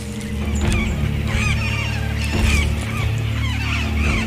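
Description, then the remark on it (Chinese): A flock of parrots squawks and screeches in a dense, overlapping chorus as the flock, alerted by a sentinel's alarm, quickly flees; the harsh calls are loud and continuous throughout and pile on top of one another over a steady low hum. “但是来自哨兵的警报让鹦鹉群迅速逃离。”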